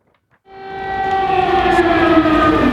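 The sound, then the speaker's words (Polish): An air raid siren in Kyiv, Ukraine, on a Sunday morning starts up after a brief silence, its sustained wailing tone rising and swelling steadily louder, with no voices over it. “Rano, w spokojną niedzielę w Kijowie, rozbrzmiewa dźwięk syreny alarmowej.”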